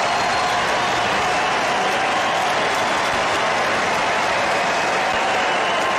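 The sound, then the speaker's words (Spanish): A baseball stadium crowd of more than 40,000 fans at a Dodgers–Padres game gives a standing ovation as a player takes his first at-bat in the third inning: a dense, unbroken roar of clapping and cheering that stays loud and steady from start to finish, with no speech on top. “Al tomar su primer turno al bate, en la tercera entrada, los más de 40.000 aficionados en el estadio se pusieron de pie para ofrecerle una ovación.”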